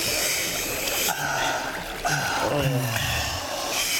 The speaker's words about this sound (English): Refreshing. 9,700 soldiers knelt down by the stream and put their mouths into the water to drink.